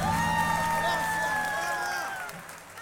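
An audience claps and cheers steadily beneath sustained, wavering musical tones, with the crowd noise thinning out toward the end.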